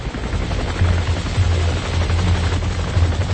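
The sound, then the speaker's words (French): A helicopter roars overhead with a steady, throbbing rotor drone while bursts of gunfire crackle in rapid volleys beneath it, as helicopters in the air and army troops on the ground pursue the population; no voices are heard. “Les populations étaient pourchassées par des hélicoptères et avions dans l'air et l'armée de terre au sol.”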